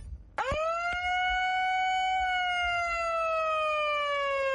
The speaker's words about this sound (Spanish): Colorete, colorete, una sirena para Frentudo que suspendió el partido de esta noche porque dice que va a estar muy frío.